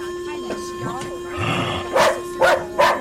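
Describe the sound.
A dog barks three times in quick, evenly spaced succession, loud, after a few seconds of muffled voice-like sounds and a steady background hum.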